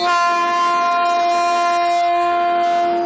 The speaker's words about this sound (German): 12 Uhr, der Zug setzt sich sanft in Bewegung und erklimmt in weiten Schleifen an Höhe.